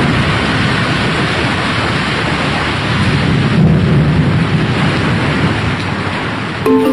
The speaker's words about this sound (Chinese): 据说呀，那颗宝珠放在祠堂之后，每天晚上啊，这祠堂里就会传来大雷声